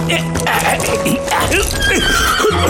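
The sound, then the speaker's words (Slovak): A horse whinnies loudly as a man mounts it to ride off, its neighs rising and falling, while hooves clip-clop steadily underneath in a busy, continuous mix. “No, nasadnem na koňa.”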